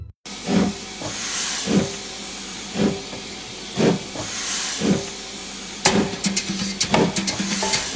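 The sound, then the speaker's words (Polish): A steam locomotive hisses steadily while slow, regular chuffs puff out about once a second, then sharp metallic clanks and rattles break in and quicken toward the end. “Mówi, że może nawet by nigdzie nie szedł, ale ma pospieszny pociąg.”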